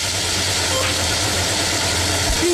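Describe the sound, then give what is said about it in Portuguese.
A Formula 1 car with an apparent gearbox problem and no traction, running slowly and unevenly as other cars pass it, a steady roar over a low droning rumble with faint knocking, heard alone without any voices. “Parece que o problema no câmbio, né?”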